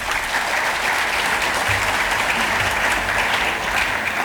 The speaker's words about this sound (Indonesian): Tepuk tangan untuk generasi muda.